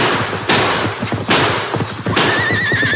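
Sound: horses neighing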